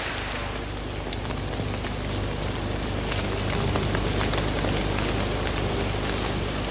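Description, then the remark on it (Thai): Steady rain falls continuously on small plants, a dense hiss of drops pattering on surfaces with scattered sharper splashes, holding an even, fairly loud level throughout with no voices. “ครั้นฝนตกลงมาอีกพืชเล็กๆเหล่านี้ก็ยังช่วยซับน้ำไว้อีกชั้นหนึ่ง”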